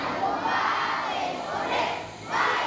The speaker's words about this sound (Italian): Una fornitura invece arriva dall'Italia, portata dalla carovana di parlamentari, associazioni e ONG che i bambini salutano cantando l'inno nazionale.